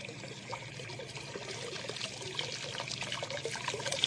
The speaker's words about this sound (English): Well, at least I'm not sure, but that water, there ought to be a lot more water than that coming through the gate, a whole lot more.